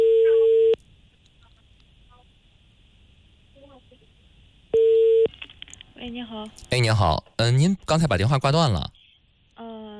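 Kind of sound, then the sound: signal or alarm, telephone busy tone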